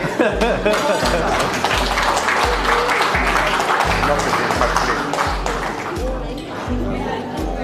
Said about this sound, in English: Now I'm gonna have lunch. You can clap now.